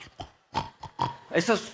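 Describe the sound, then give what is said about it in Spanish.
A voice imitates loud, anxious snoring: a quick run of rough, piggish snorts that grow louder and end in a strained, pitched grunt. “Eso es ronqueo de afán.”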